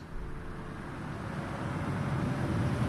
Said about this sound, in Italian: Chiasso, rotonda tra via dei Pedroni e via Alessandro Volta, traffico, motori, nausea. Costante, continuo, perenne, incessante, interminabile, frastuono, a cui siamo, a cui sono assuefatto.